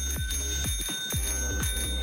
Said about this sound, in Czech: Jakmile uslyšíte zvonek, hned volejte do studia